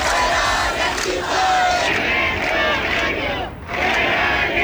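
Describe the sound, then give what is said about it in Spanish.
A street protest crowd over housing prices, at Las Setas in central Seville on a Wednesday, shouting together in a loud, sustained roar of many voices, with rhythmic chanting swelling and a brief dip near the end before the noise rises again. “Es sonido de la protesta este miércoles en Las Setas, en el centro de Sevilla, también en Málaga, en Huelva, en Cádiz, andaluces hartos de luchar por una vivienda de precio imposible”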